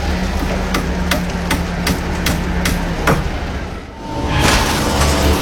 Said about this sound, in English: Bloody hell! The gearbox just failed! We need this fixed fast! We've got tons of product on the line!